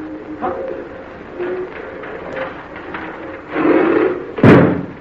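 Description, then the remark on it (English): The heavy ice door of a temple grinds and rumbles briefly, then slams shut with one loud, booming thud that cuts off sharply as the witch doctor shuts it; faint tonal sounds come before it. “Watched us come in here, then he shut the ice door on us.”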